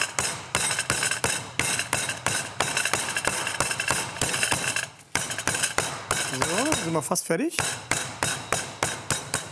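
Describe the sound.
A meat mallet pounds chicken flat in a fast, steady series of loud, sharp thuds. There is a brief pause midway, and a voice speaks briefly between the blows near the end.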